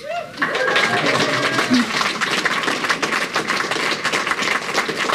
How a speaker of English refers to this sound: Love the round of applause. Just as that showed, the mission recaptured the hearts and imagination of the country.